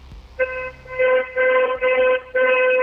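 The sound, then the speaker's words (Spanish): A car horn honks five times in quick succession, a loud, steady, brassy tone in short blasts with brief gaps, the last one held a bit longer. No one speaks. “¿Sí se escuchó mi claxon?”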